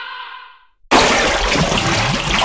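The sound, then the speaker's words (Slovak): A short voiced groan fades into a brief pause, then loud water sloshing and splashing in an ice bath bursts in and churns steadily until the end. “Ľadový kúpeľ pomáha znižovať zápaly svalstva.”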